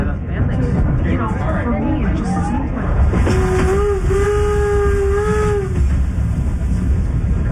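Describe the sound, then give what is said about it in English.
A train rumbles steadily, slowing as it approaches a camp at Gila River in the desert outside Phoenix, then a long, steady steam whistle sounds for a couple of seconds over the rolling noise before fading as the train carries on, with warbling tones earlier. “As we approached the camp, the train started to slow, and after a beat, I opened the window.”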